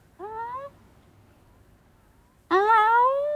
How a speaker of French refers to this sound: Miaou !